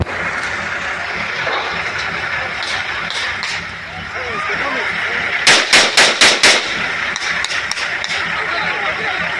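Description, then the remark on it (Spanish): A rapid volley of about six sharp gunshots rings out in quick succession, with a few scattered shots before and after, over steady outdoor noise and indistinct voices, as an armed group opens fire on a contingent on federal highway 190 near the Unión Zapata agency of Mitla, Mexico. “escuchemos cómo fue el momento en que este grupo armado llegó a esta zona de la carretera federal 190 a la altura de la agencia Unión Zapata de Mitla y comenzó a abrir fuego en contra de este contingente.”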